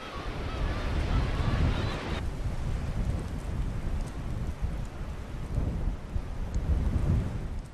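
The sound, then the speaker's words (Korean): Strong dawn wind roars over crashing harbor waves while the harbor is still dark, a dense, continuous low rumble that surges and swells, with a brief whistling, honk-like tone in the opening seconds. “오늘따라 새벽바람이 심상치 않은데요. 파도마저 섞는 듯 몰아칩니다.”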